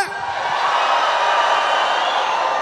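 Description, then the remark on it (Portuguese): A large crowd with hands raised roars and cheers at full volume for a photo at a Wednesday night PHN event at Canção Nova, a dense wall of shouting and whooping that holds steady for a few seconds without letting up. “Mãos pro alto, grita que sai na foto.”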